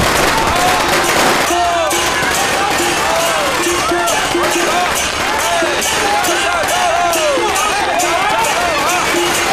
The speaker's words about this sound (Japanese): この家の爆竹はかなり大きいです。